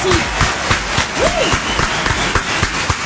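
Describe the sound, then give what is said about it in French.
An audience applauds steadily for about three seconds, a dense wash of many hands clapping at once, with a short rising-and-falling vocal whoop rising above it midway. “Est-ce qu'on peut avoir des applaudissements, s'il vous plaît?”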